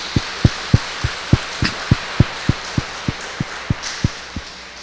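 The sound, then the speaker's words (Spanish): An audience at a Catholic Mass applauds a woman on her birthday in steady unison: about fifteen evenly spaced claps at a brisk, regular beat over a low background hiss, tapering off slightly at the end. No one speaks. “La felicitamos con un fuerte aplauso.”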